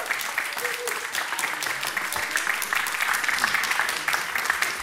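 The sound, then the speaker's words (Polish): An audience claps steadily and continuously for a band after its performance, dense overlapping hand claps filling the space at a fairly even loudness, with faint voices murmuring underneath. “Państwo nie przestają klaskać, tak, entuzjazm.”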